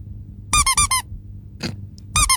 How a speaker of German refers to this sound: Richtig. Eine Quietscheente. Das gab es noch nie und das wird der Hammer.